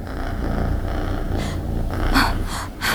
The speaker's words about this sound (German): Plötzlich ertönt ein tiefes, unheimliches Brummen über ihr und erfüllt den ganzen Raum.